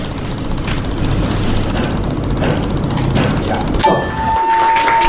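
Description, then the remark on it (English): Extremely rapid computer mouse clicking from a world-record run of 760 clicks in one minute, a dense, steady rattle of clicks so fast it almost merges into a mechanical buzz, running for several seconds before stopping, followed by a brief clear tone. “The new record is 760 clicks in 1 minute, and here's what it sounded like.”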